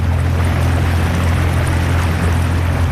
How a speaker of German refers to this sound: Auf dem Sempacher See sind Taucherinnen und Taucher noch bis Anfang November an der Arbeit. Und darum fährt das Boot von der Unterwasserarchäologie schon wieder in See raus.